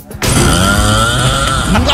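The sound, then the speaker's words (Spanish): A woman's extremely loud, harsh snore roars in after a brief quiet moment and drags on continuously, raspy, with a grinding, almost motor-like buzz. “No mal, está roncando, se le metió el diablo.”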